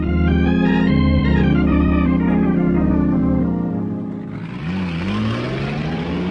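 A loud engine of a truck revs steadily with strong harmonic drone, then drops off around four seconds before a second truck engine surges and whines upward in pitch, as two trucks accelerate hard, racing each other on hilly roads.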